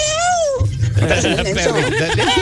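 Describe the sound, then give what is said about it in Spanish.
A small dog lets out a high, thin whimper that rises and falls, then gives way to a jumble of voices and rough, gargly sounds. “Aunque sea para escuchar, tienes que participar, perrito.”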